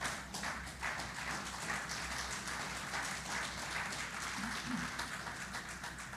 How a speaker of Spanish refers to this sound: Creo que usted iba a darle un fuerte aplauso al Señor.